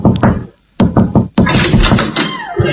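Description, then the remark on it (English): Several firm knocks on a front door, sharp, come in a short uneven series, followed by a stretch of muffled rattling and bustle. “Let's knock. Let's just knock.”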